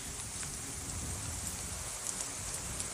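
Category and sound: nature, rain falling on surfaces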